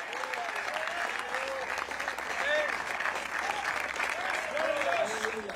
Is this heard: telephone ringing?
no